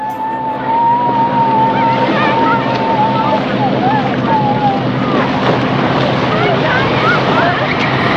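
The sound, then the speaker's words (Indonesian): Boat engines rumble steadily at a busy dock as fishermen prepare their boats to sail out to sea to fish, a dense, continuous mix of motor drone and water noise, with voices calling out and chattering throughout. “Dong siap dong pung kapal semua yang dong mau pakai berlayar cari ikan di tengah laut.”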